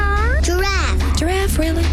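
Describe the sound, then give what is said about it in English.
A child's voice imitates a cat with several short, rising-and-falling meows in quick succession, fairly loud, over a steady low hum. “Dog. Cat.”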